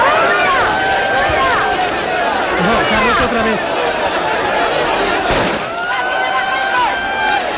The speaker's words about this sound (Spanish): Ha sido esto lo que ha generado el caos y las carreras en el traslado de los migrantes